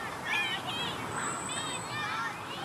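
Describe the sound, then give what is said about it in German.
Faraway children's voices shriek and squeal happily in an open park meadow in Hamburg in summer, with a steady wash of distant chatter and ambient noise underneath, some high calls rising and falling. “Juchzende Kinder.”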